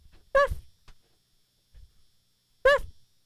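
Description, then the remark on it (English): A college senior from Portland, Oregon imitates a dog's bark with two loud "woofs" separated by a pause of about two seconds, with faint rustling in between. “And here's my dog impression.”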